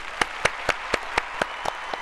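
audience clapping hands

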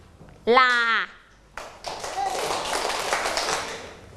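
hand clapping

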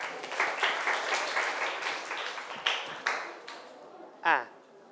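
students applauding

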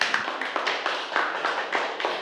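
applause

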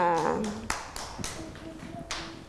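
children clapping

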